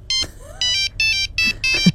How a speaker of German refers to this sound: Als die Handys noch so klangen.